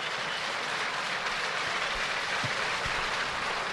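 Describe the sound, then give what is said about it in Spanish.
Spectators in one section of an arena applaud in a steady, dense wash of clapping as a person there recovers during a stoppage of the game; the clapping holds an even level throughout, with no voices standing out and a few faint low thumps underneath. “Se recupera, entiendo, la persona, porque están aplaudiendo en esa zona del pabellón.”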